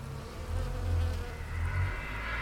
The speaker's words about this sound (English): We're going to be hearing recordings entitled Tombstoning Off Portland Rock, Bees in Lavender Bush, Halfway Up Steep Climb to Top, and his contribution to the World Listening Day 2013 sound map entitled Listening After Work.